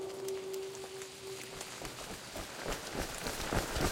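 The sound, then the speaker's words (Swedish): Steady rain hisses throughout while quick running footsteps of two people in raincoats, running as fast as they can, patter and grow louder and more distinct toward the end; a brief tonal hum fades out early on. “Det regnar igen. Elsa och Kalle springer det fortaste de kan.”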